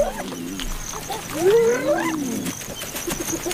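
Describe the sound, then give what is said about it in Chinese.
Spotted hyenas whooping and calling as the clan feeds, communicating with whimpers, shouts and calls: a loud, rising whoop rings out mid-clip amid lower moans and overlapping cries from several animals. “斑鬣狗的进食风格是非常吵闹的，它们使用一系列的呜咽、叫喊和呼唤声来交流。”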